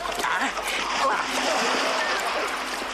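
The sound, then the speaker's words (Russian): Continuous, loud splashing and sloshing of water as a man runs into a river, with churning spray that stays fairly steady for a few seconds. “Махнув руками, бежит к воде.”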